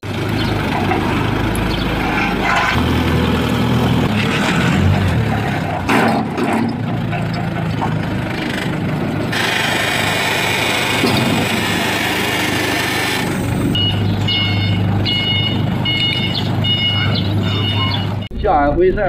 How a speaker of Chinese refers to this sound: 执行法官到达现场时，两辆农用车依旧封堵在路上，被执行人不在家，法官组织叉车移走两辆占道车辆。